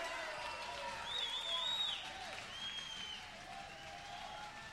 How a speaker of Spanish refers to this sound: Un aplauso fuerte para todos estos músicos colombianos. Colombia, Medellín.